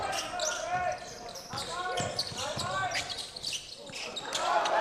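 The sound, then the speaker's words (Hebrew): A basketball is dribbled on a court during a national team game, in the second quarter with the score at 19-15. Its dull thuds land in an uneven rhythm among squeaking sneakers and a steady roar of crowd noise, with voices faintly in the mix. “אולי מקפיץ קצת יותר מדי, בצד השני הכחולים מסתבכים, אבל איכשהו יוצאים עם הכדור.”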